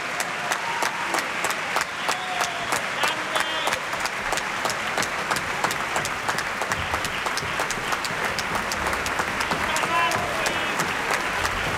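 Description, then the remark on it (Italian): A large audience applauds steadily at the close of Verdi's opera Falstaff, applause for Luca Salzi: a dense wash of many hands clapping at an even level for the whole stretch, with a few faint voices mixed into the applause. “Lasciamo spazio agli applausi, questi sono per Luca Salzi.”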